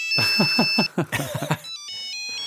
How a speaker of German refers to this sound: Also diese Klingeltöne, die kriegt man nicht mehr